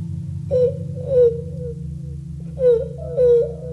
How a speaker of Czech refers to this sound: Tady pláče nějaký děcko.